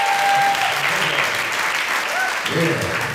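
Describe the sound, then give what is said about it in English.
Steady, dense audience applause for a Hawaiian guitarist at the end of his performance fills the whole stretch, loud and continuous, with a few faint tonal notes drifting through beneath the clapping. “Nice round of applause one more time, please.”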